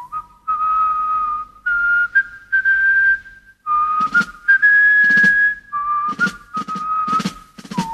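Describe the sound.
Someone whistles the theme tune of a BBC sitcom that aired from 1977 to 1980, written by John Sullivan and starring Robert Lindsay: a bright, clear melody of held and sliding notes in phrases, with a few short percussive clicks and thumps breaking in during the second half.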